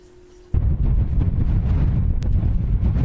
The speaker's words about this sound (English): Suddenly, the winds have picked up.